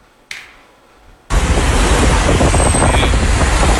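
Quiet at first apart from one sharp click, then heavy road traffic noise of a traffic jam from Simpang 3 Bendo toward Kota Batu, Indonesia, coming from the Selekta direction, cuts in abruptly: a loud, steady rumble of idling and crawling vehicles that holds to the end, with no talking.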